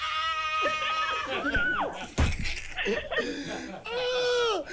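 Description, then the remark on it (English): A woman, excited about a five-night trip to Barbados, lets out loud, excited high-pitched screams and squeals in several bursts, with a sharp thump in the middle, at full volume. “Scream!”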